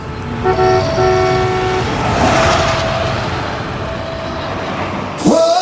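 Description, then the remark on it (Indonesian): A loud train horn blasts over the roar of a train passing a level crossing with barrier gates, its tone holding steady for several seconds before cutting off abruptly. “Iya dong, jadi masih mau menerobos palang pintu kereta api.”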